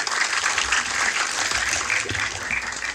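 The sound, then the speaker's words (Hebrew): An audience in Ashdod claps for a contestant, a dense, continuous patter of many hands at an even loudness throughout, with no voices heard. “תודה רבה, בהצלחה, מירות כפיים.”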